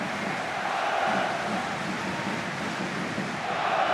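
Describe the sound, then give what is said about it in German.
A football crowd at the Tivoli stadium in Aachen during a match, picked up by the outside microphones as it starts to rain, roars as a steady, dense wash of massed voices, holding an even, fairly loud level for the whole stretch with no single voice standing out. “Und schon ist die Kulisse da. Gut über die Außenmikrofone zu hören.”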